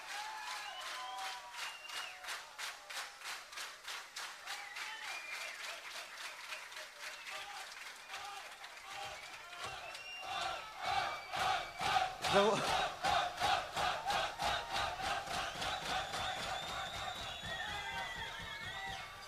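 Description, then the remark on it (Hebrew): An audience claps in a steady, rhythmic beat while voices cheer and shout over it. The applause and cheering swell louder about halfway through and stay strong to the end. “בואו עם מחיאות כפיים, תעשו את החדר שאתם רוצים.”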